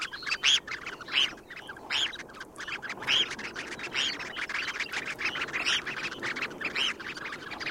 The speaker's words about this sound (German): Da hat das Thorshühnchen gezwitschert im Vogel der Woche